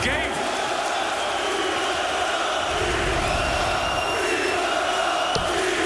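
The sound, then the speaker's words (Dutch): A large arena crowd at a darts match roars and cheers continuously for the underdog, the small country Gibraltar, a dense, steady wall of shouting and whooping that fills the whole stretch at high volume. “En het publiek is, en dat is natuurlijk traditie voor de underdog, het kleine land.”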